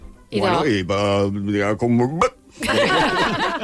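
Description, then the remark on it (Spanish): A voice imitates a corkscrew pulling a cork: a strained, drawn-out vocal squeak rising and falling, then a single sharp mouth pop, followed by a burst of voiced sound. “¿Qué ruido hace cuando sacamos un corcho?”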